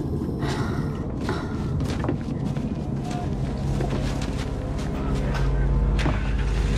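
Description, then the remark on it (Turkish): A truck carrying soldiers rumbles loudly and steadily, a deep, heavy drone with scattered thumps and rattles, its low roar swelling toward the end as it pulls away. “Kamyon çıkışa hazır.”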